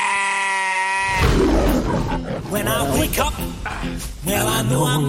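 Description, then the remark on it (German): A sustained, steady bleat opens, then a whole herd of sheep joins in, loud, with many wavering, overlapping bleats crowding together until the end. “Ich stelle euch mal meine Herde vor.”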